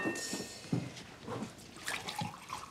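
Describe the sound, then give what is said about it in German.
Water pours into a glass, a steady splashing trickle with soft gurgles lasting a few seconds, no voices present. “Trinkst bestimmt auch einen Schluck Wasser.”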